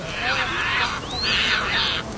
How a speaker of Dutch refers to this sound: En vliegen op en neer naar plekken waar ze vissen vangen. En als ze dan aankomen bij zo'n bankje, dan roepen ze en schreeuwen ze naar elkaar. Zoals sterns vaak doen. Dus dat horen we.